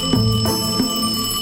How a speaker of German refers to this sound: Doch ihre ersten Songs floppen. Bis das Telefon klingelt.